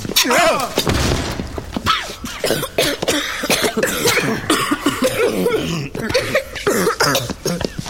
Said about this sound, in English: Look out, the hinges are breaking now.